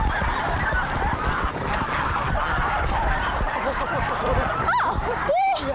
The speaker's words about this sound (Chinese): 哇，抓了一只大白鹅，特别轻松就抓着了。 这只鹅不行， 这只鹅不行， 这只鹅小，这是几个月的小鹅啊。